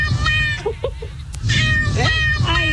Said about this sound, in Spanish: Porque mira, escucha nada más, está un gato también que siento como que le diste licor. Escucha lo que dice el gato, porque siento que lo has hecho adicto a la cerveza. Escucha.